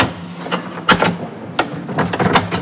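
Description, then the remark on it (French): Metallic clicks and rattles of a door's latches being worked open, with a second latch after the first, a sharp snap near the start and a cluster of quick clacks toward the end, over a faint low hum. “Oh, il y a un deuxième loquet.”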